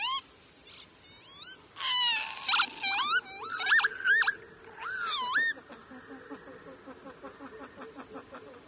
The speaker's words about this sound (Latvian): Un arī pats vārds ķīvīt ir dzirdams viņas saucienā. Ķīvīt! Nu, tas tāpatās kā krauklis krauc, pupuķis pupina, un arī ķīvīt pats sevi nosauc vārdā.